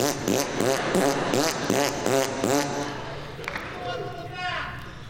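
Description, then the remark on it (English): Someone blows a loud, buzzy raspberry with the lips, a rapid series of fluttering pulses lasting a few seconds, then trailing off into quieter sputtering. “I was into the bilabial fricative, you know.”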